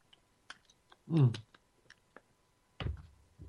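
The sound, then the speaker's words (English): A quick slurp from a drink, surrounded by small mouth clicks and a second short gulping sound near the end, with no talking. “Oh, I got to get a slurp here, folks.”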